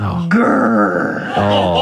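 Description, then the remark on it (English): A voice imitates a low, drawn-out growling grr, rough and sustained for nearly two seconds, rising slightly in pitch early on, with a brief break before it carries on strongly. “I think the grr is the worst part.”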